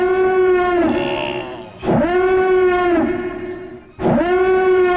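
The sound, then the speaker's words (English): The Imperial Star Destroyer warning siren from Star Wars sounds three times in a steady cycle, each blast swooping up into a loud, buzzy, harmonic-rich wail that sags slightly before cutting off. No voices accompany it. “what about the Imperial Star Destroyer warning siren?”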